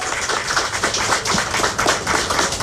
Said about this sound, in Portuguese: Um aplauso para a senhora Ronella Cruz.